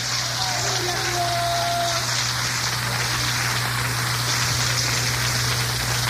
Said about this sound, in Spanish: Denle un aplauso a Jesús en esta noche.